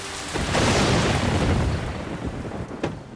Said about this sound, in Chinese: 外面下着暴雨，电闪雷鸣